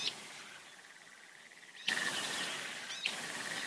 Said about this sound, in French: Ah, on a un petit doute. Ah, oui, ça, c'est un rossignol. Oui. Oui. Ah oui, non, c'est, oui, c'est ça. J'étais pas sûr. Non, c'est Rousserolle Verderolle.